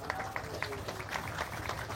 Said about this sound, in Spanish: para ella y para la familia, un fuerte aplauso.